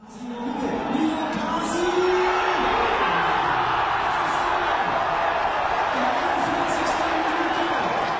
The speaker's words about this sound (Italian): Questi sono i suoni di gioia dei tifosi della squadra della cittadina dell'Oberland bernese, che oggi ha matematicamente vinto il titolo di campione svizzero senza giocare